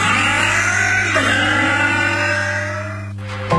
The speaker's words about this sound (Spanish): Para que tu auto suene así, limpia inyectores de Bardal. Con inyectores limpios, el auto anda mejor y ahorras combustible.